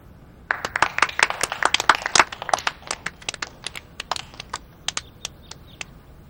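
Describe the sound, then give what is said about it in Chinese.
Thin, scattered applause from a small crowd of lace workshop workers as a new manager is introduced: a brief flurry of sharp claps that quickly dwindles to a few isolated, uneven claps, with no voices over it. “从大家的掌声里我听出来你们不太欢迎我，这也难怪，你们对我都还不太了解。”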